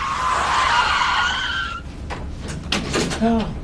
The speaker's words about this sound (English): He was going too fast and lost control, man. The car, it flipped.